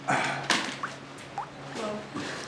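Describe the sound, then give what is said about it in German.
Rainwater drips indoors through a leaking roof, a few separate plinks falling irregularly among brief splashy bursts, moderately quiet against a soft background hiss. “Das Dach ist undicht.”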